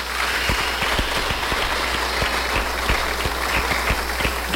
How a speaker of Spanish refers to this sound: ¡Aplausos a Jesús sacramentado, hermanos!